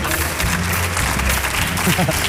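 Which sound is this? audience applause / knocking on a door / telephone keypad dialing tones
audience applause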